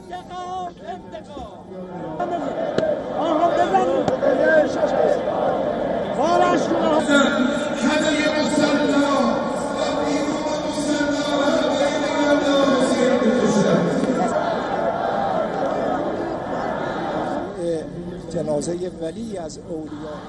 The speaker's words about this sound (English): Teary eyes, anger, outpouring of emotions, these were the visuals of a massive crowd that had covered the entire courtyard of Grand Musalla. Chants of death to America and Israel resounded, with people holding red flags of vengeance.